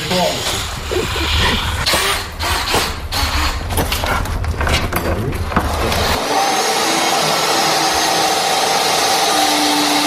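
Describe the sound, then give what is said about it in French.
A power saw cuts through a long wooden plank, the first planking board for a boat being built, its loud motor droning with rough, rasping bursts for about six seconds before settling into a steadier, high-pitched whine. “C'est quoi cette grande planche là, Bertrand, que vous êtes en train de couper, de scier?”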